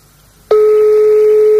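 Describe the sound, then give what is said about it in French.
A steady electronic telephone ringing tone of a call placed to a private home starts abruptly after a brief quiet moment and holds at one loud, unbroken pitch with a faint higher overtone, no voices over it. “On appelle donc chez les particuliers, on joue au jeu du corneau.”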